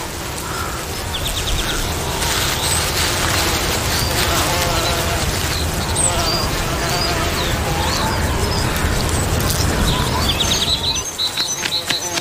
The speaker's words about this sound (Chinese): 表达的意思就是，我比你强多了，快让开。伊雷娜对这种叫声再熟悉不过了，每次她捕捉欧洲地松鼠进行观察时都会听到。低吼是撕咬的前奏，当然前提是它能咬得到。